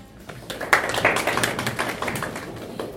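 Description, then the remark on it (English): A short burst of audience applause for a speaker: many hands clapping in a dense, steady patter that starts quickly, stays fairly loud and carries on for about three seconds without voices. “Good clap for Daktari.”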